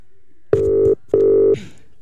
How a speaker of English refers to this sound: Okay, let's do this. Let's call him on the phone. Here we go.